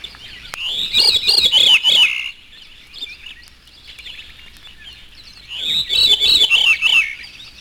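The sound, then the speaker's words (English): A veery, also known as Wilson's thrush, gives its natural call: two separate phrases, each a breezy, fluty spiral that tumbles downward in pitch, with a few seconds of quiet background between them. The bird sounds clear. “This is the veery, his natural call.”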